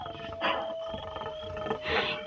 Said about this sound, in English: He don't like it none when he hears them coyotes. Yeah, I've noticed. When him and me run off in the hills that time, coyotes would howl, and I'd get scared some.